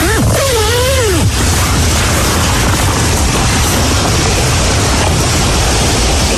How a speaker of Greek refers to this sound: Στα Άνω Λιώσια, η λεωφόρος ΝΑΤΟ μετατράπηκε σε ποτάμι με δεκάδες οδηγούς εγκλωβισμένους και το νερό να φτάνει μέχρι τις πόρτες των αυτοκινήτων τους.